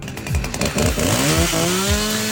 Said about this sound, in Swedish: Bland annat så ska vi få höra en motorsåg i Högsby.